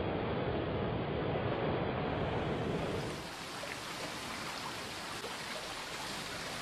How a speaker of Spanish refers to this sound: La extraordinaria geografía de este valle conjuga prados y bosques boreales con corrientes fluviales de sonoras y espumeantes cascadas que bajan de la pura geología pétrea de las alturas.